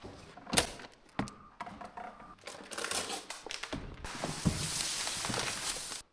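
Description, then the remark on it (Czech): A ballot box being opened at 2 pm in a polling station in Bořetín, Pelhřimov district, Czech Republic, so the ballots can be counted: a few sharp knocks and clicks of handling, then a steady, papery rustling that continues to the end. No one speaks. “Teď akorát budeme otevírat schránku a budeme počítat všechny lístky.”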